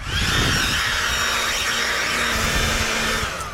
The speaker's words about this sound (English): Yeah, it's a blower. Yeah, that's right. It's a bloody Ryobi 18-volt OnePlus blower.